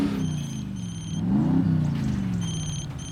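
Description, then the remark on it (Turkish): A truck engine on a road rumbles low and steady, surging in pitch briefly as it revs before settling back, while faint high-pitched electronic beeps pulse on and off above it. “çekin şu kamyonu yoldan.”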